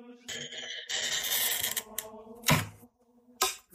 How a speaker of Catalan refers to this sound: Aquesta és probablement una de les parts més reconeixibles del procés. La rolina o el tallavidres permet marcar sobre el vidre exactament per on haurà de passar el tall. No es tracta de tallar a ull.